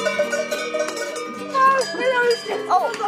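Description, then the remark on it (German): Several cowbells clang and jangle continuously in an overlapping, irregular chorus from cows on an alpine pasture (Alp) in the morning, with faint voices murmuring. “hat die Familie dort besucht und auch direkt schon am Morgen die ersten Kühe kennengelernt.”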